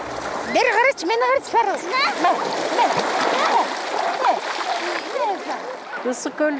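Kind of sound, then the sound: nature, people splashing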